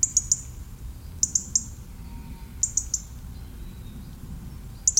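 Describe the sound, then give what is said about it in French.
A European robin calls in short, high chirps that come in quick bursts of two or three, repeating every second or so over a soft low outdoor rumble, with no voices. “On reprend à ce moment-là où le rouge-gorge vient me prendre ses quartiers d'hiver.”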